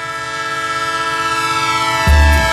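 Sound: train with horn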